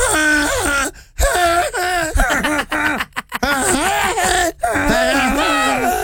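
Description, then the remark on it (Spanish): A person imitates a donkey's bray, singing happy birthday to a pet donkey named Camila in a wavering, strained voice with rising and falling pitch across several loud bursts separated by short breaths. “¿cómo le cantarías a tu burra Camila si le hicieras un cumpleaños?”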